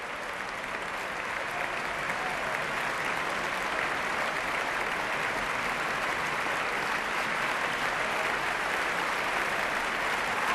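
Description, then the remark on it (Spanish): Sustained, dense ovation from a large concert audience for the Orquesta Nacional de España, standing, a steady roar of clapping hands that holds at an even, loud level throughout with no talking. “Grandes aplausos, gran ovación para la Orquesta Nacional de España puesta en pie.”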